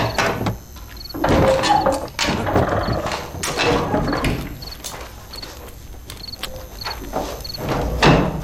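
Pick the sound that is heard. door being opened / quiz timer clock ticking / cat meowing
door being opened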